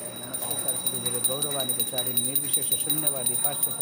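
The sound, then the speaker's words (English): A small bell rings steadily with a bright, sustained high tone while a voice chants a melodic, repetitive mantra, the chant rising and falling throughout, as food on an aluminum platter is offered to Krishna. “offers the food to Krishna with the ringing of a bell and the chanting of the mantra.”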